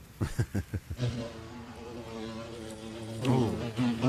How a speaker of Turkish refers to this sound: Sinekler bu yaz neydi bilmiyorum ama at kadar olmuşlar.